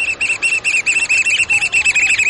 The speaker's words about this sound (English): We're crouching on a rocky shoreline on the Pacific coast, hearing the piping call of the black oyster catcher, a stocky black bird with bright red eyes and a stout orange-red bill perfectly suited for jabbing limpets and mussels.